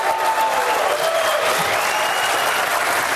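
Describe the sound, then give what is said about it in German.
Loud, thunderous applause from a large crowd at the opening of the NetMundial conference in Brazil as Brazilian President Dilma Rousseff signs the Marco Civil internet law, a dense continuous roar of clapping that stays steady for the full few seconds with no voices standing out. “Unter tosendem Applaus unterzeichnete Brasiliens Präsidentin Dilma Rousseff zum Auftakt der Net-Mundial-Konferenz ein nationales Gesetz, den sogenannten Marco Civil, der Grundrechte für das Internet auf brasilianischem Territorium festschreibt.”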